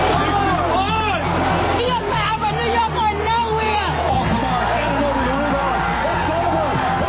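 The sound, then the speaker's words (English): A large crowd in New York cheers and shouts in celebration after the New York Knicks won the NBA championship against the San Antonio Spurs, ending a 53-year drought; a dense, loud roar of many overlapping voices with whoops and yells rising above it, continuous throughout. “The city filled with tears, cheers, and a lot of blue and orange this morning.”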